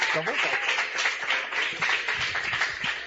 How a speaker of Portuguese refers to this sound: Receba o homem de Deus com as palmas bem alegres para Jesus.